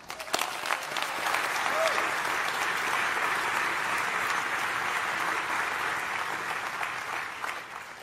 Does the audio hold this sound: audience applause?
yes